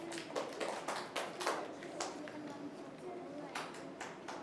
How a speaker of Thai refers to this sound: ลูกปรบมือให้เพื่อนหน่อยค่ะ